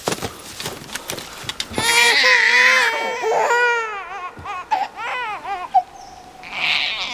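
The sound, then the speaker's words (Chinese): A baby cries in a series of high, wavering wails and whimpers, rising and falling in pitch, fairly loud after a brief quieter opening, with short breaths between bursts. “还哭没得可以。”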